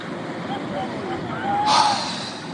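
Violent ocean waves crash on the shore at North Wildwood, New Jersey: a steady roar of rough surf fills the background, broken by one loud crash of water about two-thirds of the way through before the churning noise continues.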